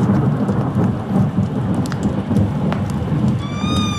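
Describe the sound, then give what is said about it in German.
Steady rain from an approaching thunderstorm falls with a deep, continuous rumble of thunder underneath, and scattered drops tap. A thin, rising-and-falling tonal whine appears briefly near the end. “Mit den ersten Regentropfen eines nahenden Gewitters hörte ich die Schritte meines Schützlings in der Halle.”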